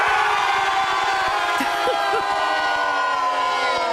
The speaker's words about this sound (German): Die stehen nicht einfach nur hier und schreien und jubeln, sondern die sind alle verkleidet als Superheldinnen und Superhelden.